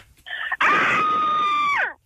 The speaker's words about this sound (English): Ooh. Everyone sounds like there's more than one person screaming. That was almost torture. Sometimes there's many people inside you that screams.